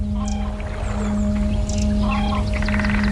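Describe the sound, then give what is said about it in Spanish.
Several birds call and chirp in quick, overlapping bursts above a loud, steady low hum, like an engine or boat motor running throughout, at a biosphere reserve in western Asia. “Allí viven, por ejemplo, más de 50.000 aves de 90 especies diferentes.”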